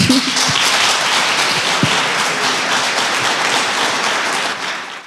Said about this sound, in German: Euer Applaus.